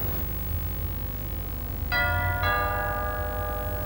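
doorbell ringing

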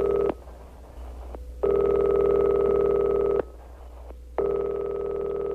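old telephone ringing

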